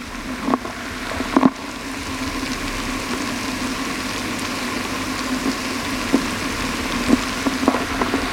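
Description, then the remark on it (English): A steady underwater fizzing hiss of effervescing bubbles from a Sterident denture cleaning tablet dissolving in a glass of water with dentures, recorded with a hydrophone. Dense and continuous, with scattered small clicks and a few brief louder pops, fairly loud with no voices. “I place a hydrophone and my mother's dentures in a glass of water, drop in a Sterident tablet and listen.”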